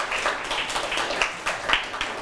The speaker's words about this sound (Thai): ถูกต้องปรบมือให้เพื่อนกลุ่ม2หน่อยครับ